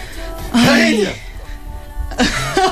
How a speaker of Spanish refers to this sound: No, yo estoy estornudando, la perdóname.